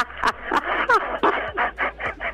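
A parrot calls in a string of about eight harsh, raspy squawks at a steady pace, with a brief whistled, gliding note partway through. No one speaks over it.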